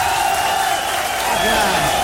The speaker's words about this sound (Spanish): Vamos a recibir con un aplauso, pero bien machina,